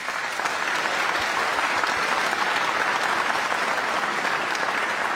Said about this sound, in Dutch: Maar ik heb nog steeds niet de naam onthuld voor de radioluisteraars van de violiste die hier in een prachtige jurk staat naast Ivan. Mag ik een groot applaus voor Hawieg Elders.